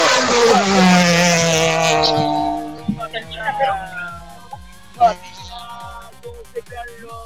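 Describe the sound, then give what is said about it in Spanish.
The rally car of Matías Robles starts stage 6, run from the Cañeras sector toward the educational module sector; its loud revving engine roars, its pitch sliding down as it speeds away and fades, leaving scattered quieter background noises. “Bueno, Wilber, va a partir Matías Robles, señoras y señores. Va a partir en 3, 2, 1. Partió, pongan la imagen aquí.”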